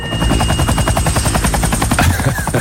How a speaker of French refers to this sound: Ça, c'est l'hélico de David.